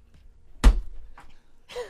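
A single heavy door slams shut with a loud thud, followed by a couple of fainter rattles and knocks as it settles.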